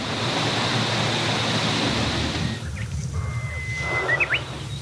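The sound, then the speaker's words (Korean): A strong, steady rush of wind through forest leaves fills the first half, then eases off, leaving a calmer hush where a few bird chirps come through. “세찬 바람이 불어와 숲을 뒤덮은 나무 이파리들을 흔든다.”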